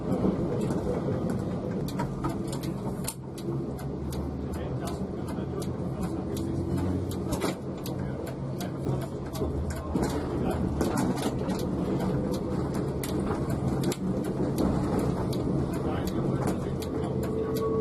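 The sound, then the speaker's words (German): Rain sets in, steady and dense, hissing continuously and loudly, with a deep low rumble of thunder underneath and occasional sharper spatters breaking through, as a special photo trip by tram comes to an end. “Mit einsetzendem Regenwetter endete die Fotosonderfahrt gerade noch rechtzeitig und die beiden Wagen rückten wieder zum Betriebshof Burgau ein.”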